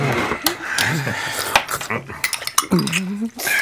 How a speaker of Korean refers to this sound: 포크 소리와 주스를 홀짝이는 소리만 났다.